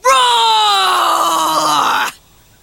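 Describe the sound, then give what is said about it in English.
A person lets out a single loud, sustained roar lasting about two seconds, imitating a bear. The voice is strained and harmonic, its pitch sliding slowly downward before cutting off abruptly. “You scrunch up your eyes like this, and show your teeth like this, and roar like this.”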